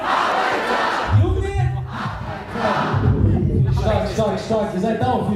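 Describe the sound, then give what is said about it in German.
A large crowd at a concert in Munich roars and shouts in a loud, continuous wall of voices, with chanting and cheering swelling over a steady low rumble for several seconds. “Beim Konzert in München brauchen sie keine 30 Sekunden, um das Publikum mitzureißen und zum Feiern zu bringen.”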